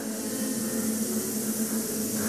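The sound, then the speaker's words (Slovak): A hall audience of choirs imitates buzzing bees together as a sound for a radio play, holding a steady, droning hum with a hissy edge for a couple of seconds without pause. “Milé zbory, práve ste vleteli do úľa. Až sa vás trochu bojím, no a verím, že trochu toho bzukotavého strachu teraz dostanem aj od vás.”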